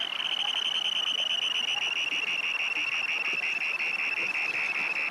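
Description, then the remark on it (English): A russet, black and white dunlin flying by gives its harsh, ringing display scream as it returns to earth from its display flight: a continuous high, buzzy trill that holds steady at a strong level for the whole stretch, with rapid pulsing and no pauses. “This beautiful little russet and black and white Dunlin that is flying by issues a harsh, ringing scream as it returns to Earth from its display flight.”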